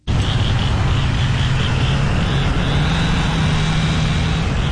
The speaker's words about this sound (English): Morning after the tornado, the Wash Trailer Park in Bogachitta was filled with the sounds of saws, truck engines, and people calling out across the wreckage.